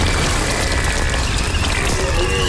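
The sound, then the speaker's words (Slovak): A dense, steady autumn soundscape of crackling, rustling leaves and snapping fallen branches, with a rutting deer's call layered in, loud and continuous for the whole stretch, with no talking. “Prvý zvuk, čo som zaregistroval, listie šušťanie. Teda šušťanie listia, potom som tam úplne na konci bol jelene v ruji.”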